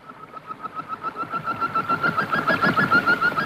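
Hundreds of small birds chirp angrily above a river in a dense, rapid chatter, the twittering overlapping continuously and growing louder and busier over a few seconds, with no voices.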